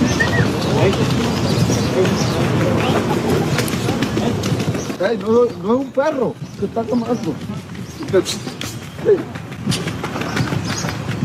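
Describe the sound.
A fan's shrill, steady whistle sounds for about a second at the start over a dense roar of crowd noise at a football match, followed by loud shouting voices as the crowd din continues.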